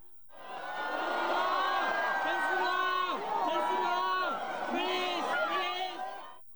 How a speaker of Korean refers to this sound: 서울 홍대 입구에 트레이드마크인 검은 가죽 재킷을 입은 젠슨 황 엔비디아 CEO가 등장하자 환호성이 터져나옵니다.